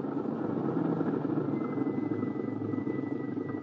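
A car engine runs steadily with a constant, rumbling drone and a faint whine on top, holding the same level throughout without pauses or voices.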